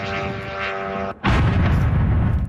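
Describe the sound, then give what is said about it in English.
A steady, buzzing drone engine cuts off abruptly, followed by a loud explosion as a Russian drone strikes an apartment building in Kyiv, Ukraine; its heavy roar and rumble fill the rest of the moment. “One drone hitting an apartment building in Kyiv.”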